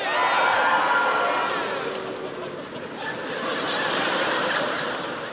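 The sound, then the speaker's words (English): A large audience boos loudly and continuously for several seconds at a mention of New England, home of the New England Patriots, the jeering swelling, dipping briefly in the middle, then rising again, with no one speaking over it. “There's some haters in the crowd tonight.”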